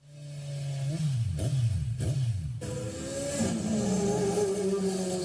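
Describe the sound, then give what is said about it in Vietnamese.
Motorbikes speeding on city streets late at night rev loudly with rising and falling engine pitch, punctuated by a few sharp exhaust pops in the first few seconds, then a sustained high-revving roar continues. No one speaks. “Không gian yên tĩnh bất ngờ bị phá vỡ bởi những tiếng nẹt bô chói tai liên hồi.”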